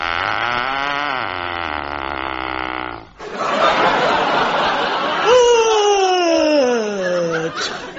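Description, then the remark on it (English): A whoopee cushion being sat on lets out a long, buzzy raspberry, then a noisy sputtering burst and a squealing tone that slides down in pitch as the air runs out. Loud, with no talking. “Yes, unfortunately, she sat on a poisoned whoopee cushion.”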